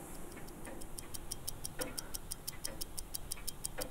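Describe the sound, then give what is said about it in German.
A quiet ambience in a watch manufactory in Pforzheim, among historic machines, engraving tools and workbenches where dials and movement parts are finished: rapid, steady clock ticking, with occasional soft clinks and low background rumble. No one speaks. “in einer Uhrenmanufaktur in Pforzheim. Zwischen historischen Maschinen, Gravurwerkzeugen und Werkbänken veredelt Jochen Benzinger Zifferblätter und Uhrwerkteile.”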